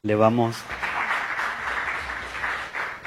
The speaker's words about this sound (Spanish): Le agradecemos también a todos los participantes y les pido un aplauso también para toda la mesa.